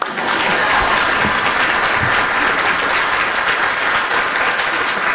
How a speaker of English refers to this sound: That's when everybody clap.